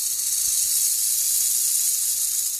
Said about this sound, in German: Da hörte sie ein lautes Zischeln, ein lautes, schreckliches Zischeln. Als sie aufsah, erblickte sie eine riesige, grün-graue Schlange, die sich rund um den dunkelroten Stamm eines Baumes gewickelt hatte und ihren Kopf zwischen den Ästen wiegte.